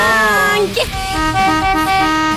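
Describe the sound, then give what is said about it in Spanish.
A vehicle horn honks loudly, one long sustained blast with a brief break and a shift in pitch partway through, filling the whole moment. “Toque esa bocina, señor.”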